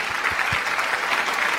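An audience applauds steadily, a dense wash of many hands clapping at a constant, fairly loud level throughout, with no voices breaking through.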